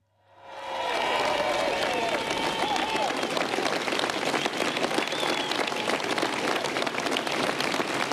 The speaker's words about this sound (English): There's a large crowd outside 10 Downing Street where he is about to give his final address there in London.